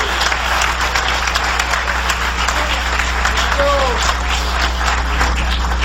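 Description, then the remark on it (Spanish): An audience claps steadily and loudly for several seconds in applause to the Lord Jesus Christ, a dense, unbroken wash of applause with voices and a brief rising cry mixed in over a low constant hum. “Dale un aplauso de poder al Señor Jesucristo.”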